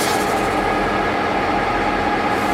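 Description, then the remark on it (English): A historic scenic passenger train rolls steadily along railway tracks down the Barron Gorge toward Cairns, a loud, continuous rumble with rattling wheels and a dense hiss, heard from on board with no one talking. “I would like to welcome you on board the historic Caranda Scenic Railway.”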